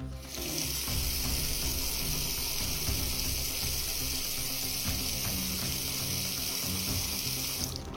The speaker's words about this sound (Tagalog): Hindi ito galing sa anumang uri ng insekto o hayop, kundi ito ay nanggagaling sa sirang linya ng tubig na ito. Nagmistulang fountain sa gitna ng daan ang malakas na pressure na bumubulwak na tubig galing sa sirang linya ng tubig.